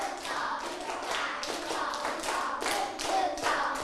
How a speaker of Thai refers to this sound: ปรบมือ1ชุดหนึ่งชุดมันต้องมี3ครั้งใช่ไหมแล้วก็ลงท้ายด้วยคำว่าเอาใหม่ตั้งสติเด็กๆปลายทางด้วยนักเรียนชั้นป.3ปรบมือ1ชุด